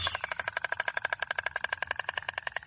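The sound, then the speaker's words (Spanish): A rapid, steady clattering of storks flying close by outside a cathedral, like dry wooden knocking in quick succession, runs continuously with no voices present. “El sonido de las cigüeñas volando por el exterior de la catedral es constante.”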